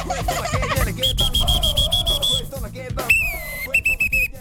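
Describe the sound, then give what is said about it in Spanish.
Two whistles are blown: a long, steady shrill tone, then a second, slightly lower-pitched whistle and a few short chirping bursts, over a busy rumbling background. “Me regaló dos silbatos.”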